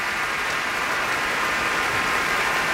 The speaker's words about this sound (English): And the crowd roars. He shoots, he scores. For Misha Majsky, cellist with the Berlin Philharmonic, led by Zubin Mehta on WQXR.